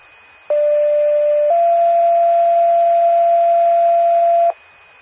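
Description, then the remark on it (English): A loud two-tone alert from the McOpen County 911 paging system sounds alone during a test: a steady electronic tone for about a second, then a slightly higher tone held for several seconds before cutting off abruptly. “Praline Ambulance, this is a test of the McOpen County 911 paging system.”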